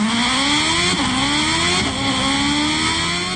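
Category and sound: vehicle, motorcycle engine running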